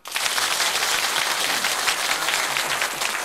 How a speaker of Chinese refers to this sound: 好，请大家鼓掌。